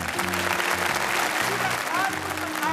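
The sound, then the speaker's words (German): An audience claps steadily throughout, after a trick in which a fresh egg is thrown into the air and caught on a plate without breaking, a dense, loud wash of many hands that never lets up, with low sustained tones running underneath the applause. “Ja, das war ein frisches Ei. Applaus, alle.”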